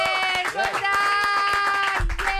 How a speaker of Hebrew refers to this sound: כפיים, חברים!